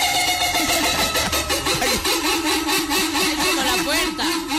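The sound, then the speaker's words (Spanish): A steady mechanical whir from an electric fan starting up, with a rhythmic, wobbling squeak from its axle repeating throughout, fairly loud. “Es el ventilador bailarín. Es un ejecito que tiene ahí que se suena.”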